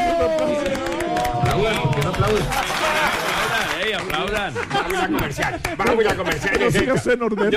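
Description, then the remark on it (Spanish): A talk-show audience applauds steadily for several seconds before a commercial break, a dense patter of many hands clapping, mixed with excited voices, laughter and cheering from the crowd. “Por favor, un aplauso.”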